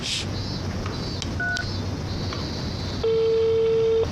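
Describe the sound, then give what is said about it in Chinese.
A brief high beep, then a steady, low-pitched ringback tone of a call dialed on a mobile phone starts about three seconds in and holds unbroken to the end, over a murmur of background noise. “你用你手机打一个。”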